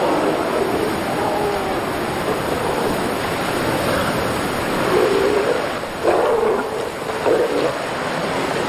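Young male animals on a coast let out several low, throaty roars in the second half as the breeding season approaches, rising briefly above a steady wash of surf and wind noise that fills the whole clip.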